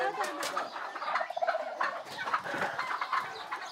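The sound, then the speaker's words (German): Turkeys gobble in a busy, overlapping chorus, with rapid warbling bursts repeating throughout, steady, with a few clucking chickens mixed in; poultry kept by nuns. “Die Eier, auch die Puten und Hühner, wandern nach einem erfüllten Federviehleben in den Topf der Schwestern.”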